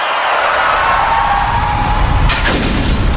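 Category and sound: impact, car windshield glass shattering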